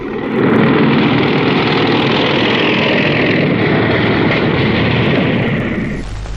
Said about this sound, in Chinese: 连长，连长，摩托车来了。 有多少？ 看不清啊。